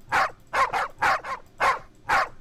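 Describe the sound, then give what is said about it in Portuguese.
Dogs bark in a quick, steady volley of about seven sharp barks, some coming in doubled pairs, loud with no voices over them, in the morning at six o'clock. “Acorda, cachorrada.”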